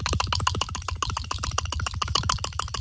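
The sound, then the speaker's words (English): A person makes a fast, steady stream of strange clicks with their mouth, roughly a dozen or more per second, sharp and fairly loud, with a warbling, otherworldly tone and no talking. “Can we hear some weird alien, like, strange clicking sounds?”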